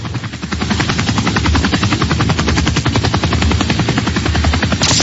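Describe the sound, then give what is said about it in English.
Rapid, steady thudding of a traffic-report helicopter's rotor, loud, with a continuous engine drone underneath and no voices; the helicopter is about to land. “I'm about to land this chopper because I feel like I'm about to fall off into I-10.”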